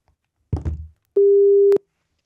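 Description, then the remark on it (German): A single steady telephone ringing tone of an outgoing phone call sounds clearly for a little over half a second, loud, just after a brief rough clatter; no one speaks. “Können wir telefonieren?”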